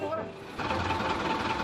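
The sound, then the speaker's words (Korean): A bus bound for Pokhara idles with a steady, rattling mechanical hum that swells slightly partway through, while indistinct voices murmur underneath; the bus keeps stopping and starting to pick up more passengers. “버스는 승객을 더 태우려고 가다 서다를 반복합니다.”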